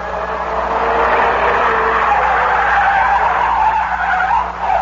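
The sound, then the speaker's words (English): A car skids, swerves and circles wildly in a sustained, loud screech of tires, the squeal wavering continuously for several seconds with engine noise underneath and no voices. “Reed seemed to sag and the car began to circle wildly.”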